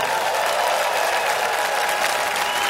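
A concert crowd at the Umbria Jazz festival applauds steadily as a greeting to radio listeners, a dense wash of clapping hands sustained at an even, fairly loud level for a few seconds without any voices on top.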